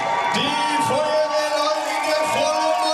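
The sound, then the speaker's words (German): A dense crowd cheers and whoops continuously at a marathon finish line in Mainz as two runners arrive after about three hours, with shouts and yells rising out of a steady roar of voices, loud throughout. “Und ihr Lieben, einen riesengroßen Applaus, da kommen sie!”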